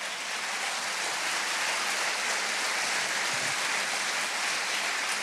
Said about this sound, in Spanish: Démosle aplauso al Señor.